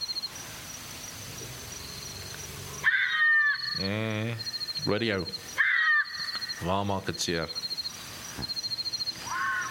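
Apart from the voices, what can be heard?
bat-eared fox calls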